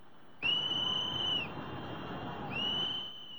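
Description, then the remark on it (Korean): Two long, shrill, urgent whistle blasts, the first about a second long and the second shorter after a pause. They sound loud over a steady roar of floodwater pouring over a dam under construction on the Trishuli River in Nepal during a major flood, as workers evacuate. “다급한 호루라기 소리가 들리고 물줄기는 순식간에 댐 너머까지 넘쳐 흐릅니다.”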